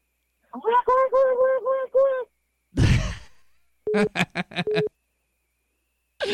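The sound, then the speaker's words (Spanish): A person imitates Donald Duck's voice in a game, with rapid runs of raspy, quacking syllables. A breathy gasp separates the two bursts, and there is no other talk. “Ok, tienes que hablar como el pato Donald, échale.”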